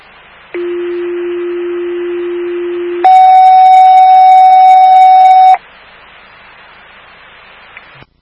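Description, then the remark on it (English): A fire alarm tone at fire station 25, dispatching to a medical call at 2133 Boston Road, over steady radio static: a long, low steady tone, then a higher, louder tone held for a few seconds before cutting off, leaving only hiss. “Fire alarm at station 25, you detect the 2133 Boston Road via PIA inside the restaurant for a 90-year-old male with stroke-like symptoms.”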